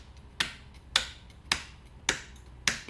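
Stonemasons' hammers and chisels striking sandstone and Istrian stone on a promontory: five sharp, ringing knocks at a slow, steady, even pace, each fading quickly. No voices, only a faint hiss between the blows.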